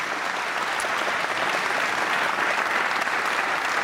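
A crowd claps steadily and loudly, a dense, even wash of applause that holds at a constant level for several seconds with no voices rising above it.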